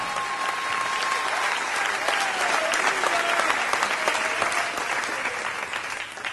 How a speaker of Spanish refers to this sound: No, si le va a aplaudir, apláudale todos como él se lo merece.